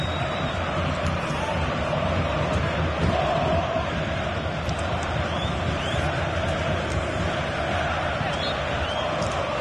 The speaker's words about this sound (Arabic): جماهير التركية لا تتوقف عن تشجيع فريقها، وهي تقريبا متشابهة فينيرباتشي وغالاتاساراي وبيشيكتاش وغيرها من الأندية التركية